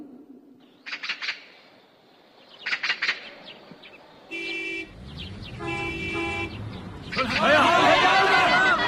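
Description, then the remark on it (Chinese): Brand-new large trucks from Shashaigou village arrive at Hanshui village for the relocation of Caowa township's last two villages, sounding long, steady horn blasts one after another over rumbling engines. The honking builds to a loud, dense blare at the end, after a few brief chirping sounds at the start. “是啊，这一辆辆崭新的大卡车都是迎接咱的。”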